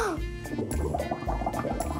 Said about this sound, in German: Und jetzt die Blubberblasen. Jetzt mache ich noch mal Wellenbad. Umso mehr welliger ich es mache, umso mehr Schaum ist es. Ich kann auch selber Blubberblasen machen.